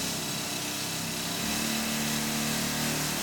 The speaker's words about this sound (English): because the rock tools we were using were when we used to use air leg mounted rock drills, they were pushed in by what we call an air leg, a pusher leg.